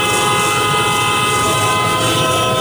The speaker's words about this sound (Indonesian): Dengerin orang klakson di jalan juga harus kuat.